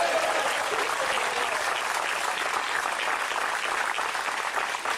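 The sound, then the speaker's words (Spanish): An audience at a church service applauds for the Lord in a steady, dense wash of clapping that holds at an even level for about five seconds, with no voice standing out. “¿Alguien se une a él a darle un aplauso al Señor?”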